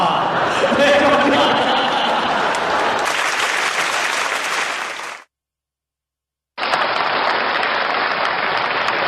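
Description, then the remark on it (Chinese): A crowd claps steadily for a crosstalk (xiangsheng) comedy performance in a dense, loud wash of applause with a few chuckles mixed in, cuts to silence for over a second, then the clapping resumes just as full. “非常感谢各位热情的掌声。”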